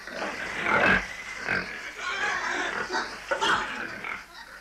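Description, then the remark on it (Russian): Pigs grunt and snort in a busy chorus in a pigsty, with several harsher squeal-like bursts rising over the steady rooting noise throughout. “Когда свиньи насытятся, можно есть за ними остатки.”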